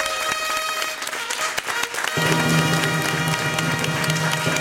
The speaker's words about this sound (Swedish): En stor applåd till P3. Så bra.